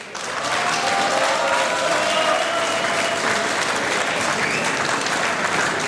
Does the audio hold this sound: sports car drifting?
no